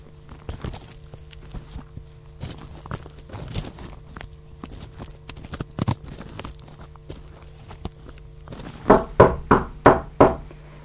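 A run of about five firm knocks on a wooden door in quick succession, preceded by scattered soft taps and shuffling like footsteps approaching.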